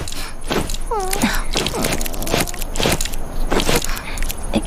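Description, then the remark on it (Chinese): A heavy, very dirty garment being scrubbed by hand, rubbed hard on the dirty spots: a steady run of rough, rasping rubbing strokes, roughly two per second, with a brief high squeak or vocal sound early on. “脏的地方啊要用力搓”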